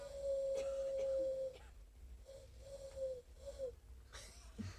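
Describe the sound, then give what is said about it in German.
A person imitates an eagle-owl's hoot in a hoarse, breathy voice: one long steady hoot, then several shorter, weaker hoots, with no other talking. “Heiserer Uhu. Ein kleiner Uhu.”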